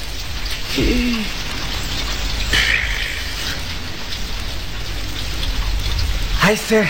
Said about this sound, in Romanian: că vine furtuna și ne-a prins taman aici, în mijlocul pădurii, hm?